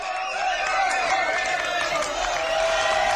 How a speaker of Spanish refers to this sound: Nunca se sabe cómo puede comenzar y cómo se va a desarrollar. Pero siempre termina así, con muchos aplausos. Estamos en Lugo, en una de las actuaciones de Ousadías, un grupo de teatro que se dedica a la improvisación, o a la impro